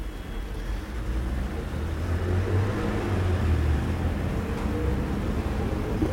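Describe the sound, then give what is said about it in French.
A steady, fairly loud rumble of traffic on boulevard Saint-Germain, with engines droning low and a faint swell as taxis, trucks, a red scooter and a green car pass along the street; no one speaks. “Passe un scooter rouge, une voiture verte”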